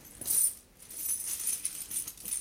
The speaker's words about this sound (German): Mutter, ein Leinenbeutel. Da sind Münzen drin, Mutter.